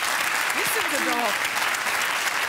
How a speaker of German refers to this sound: Da klatscht wieder jemand für …. Sehr richtig. Ihr habt ja ein tolles Publikum.